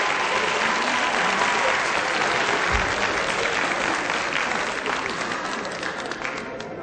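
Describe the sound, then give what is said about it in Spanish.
A crowd applauds a performing act steadily for several seconds, a dense wash of clapping that stays loud before thinning slightly toward the end, with a brief low thump partway through. “Bueno, un aplausote para”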